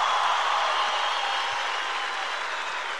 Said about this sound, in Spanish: Gracias por esos aplausos espontáneos que surgen.